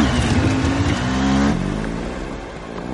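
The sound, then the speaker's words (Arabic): Loud motorcycle engines, ridden toward the pyramids, rev with a rough, buzzing growl, the pitch climbing briefly before settling and slowly fading over a few seconds. No voices are heard. “الموتوسيكلات هتنجزنا في ثانية، هنبقى عند الأهرامات وكده تبقى خلصت يا رجالة.”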